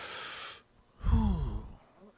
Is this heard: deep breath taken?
yes